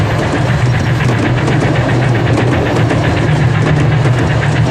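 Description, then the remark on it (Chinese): A train arriving at a station rumbles steadily with a loud, continuous low drone and a broad hiss, with faint regular clatter running through it. No voices. “火车已到站，你们立即上车寻找美惠子小姐，请她马上下车。”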